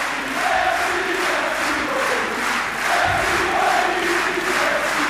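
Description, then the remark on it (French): A tennis crowd at Roland-Garros gives a loud, sustained ovation for French player Moïse Kwame, a dense roar of cheering and applause that swells slightly and holds steady throughout, with no speech over it. “Écoutez le public, l'ovation du public.”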